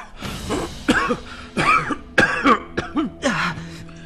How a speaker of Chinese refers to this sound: 墨虫随即夺窗而出，幼春剧烈咳嗽。